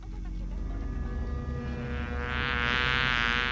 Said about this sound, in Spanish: ¡Ay, mosca! ¡No me molestes!